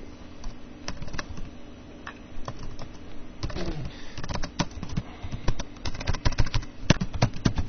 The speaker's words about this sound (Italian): Perché non, perché la tastiera non scrive? Che succede? Non riesco a scrivere.